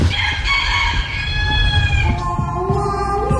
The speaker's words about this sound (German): Wir haben also Deutschlands Superhahn gefunden.